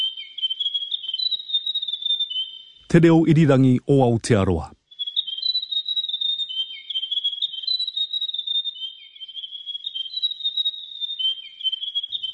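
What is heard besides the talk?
grey warbler song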